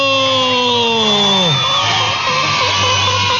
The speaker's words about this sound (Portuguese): Palmas pra todo mundo!